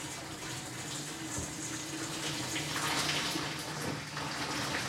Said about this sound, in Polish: I spokojnie oblewam wrzątkiem pomidor.